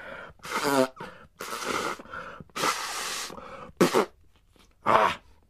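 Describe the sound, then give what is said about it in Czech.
Loud nose blowing by a kangaroo into a handkerchief taken from its pouch: several forceful, breathy honks and snorts in quick succession, with short pauses between blasts and no talking. “No, a potom si jeden klokan dokonce vyndal kapesník z kapsy a hlučně se vysmrkal.”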